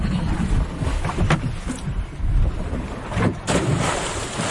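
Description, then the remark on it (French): Steady wind buffeting the microphone on a diving boat at sea after the divers have entered the water, with a constant low rumble and occasional splashing bursts of water against the hull, fairly loud. “Ça y est, tous les plongeurs sont maintenant à l'eau, ou presque, à bord du bateau.”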